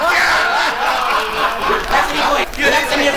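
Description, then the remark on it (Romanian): A loud crowd shouts and cheers together, hailing the master craftsmen who made clothes for Emperor Găteală, a dense wall of overlapping voices that swells and dips over a few seconds, continuous. “Venim din mulțimea asta pe care ai auzit-o strigând.”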